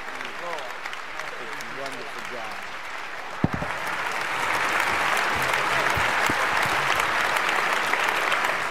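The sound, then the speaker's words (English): A crowd applauds to receive Student Minister Ismael Muhammad, National Assistant to the Honorable Minister Louis Farrakhan, the clapping swelling louder after a few seconds into a dense, sustained ovation, with voices talking and calling out underneath at the start. “Please receive that mighty special spokesperson, the National Assistant to the Honorable Minister Louis Farrakhan, Student Minister Ismael Muhammad, with a great, great round of applause.”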